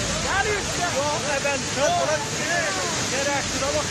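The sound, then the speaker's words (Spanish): A steady, loud roar of rushing flash floodwater in Iran, caused by heavy rains and sweeping away everything in its path, fills the whole clip without letup, while people's voices talk over the churning noise. “El agua llegó sin avisar y arrasó con todo a su paso como un monstruo con un hambre, pero de destrucción.”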